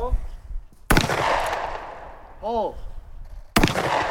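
Two loud shotgun blasts, a few seconds apart, each a sharp boom trailing off into a rumbling decay, with a brief voice heard faintly in the gap between them, fired by high school students at a shooting competition at a Fish and Game Club.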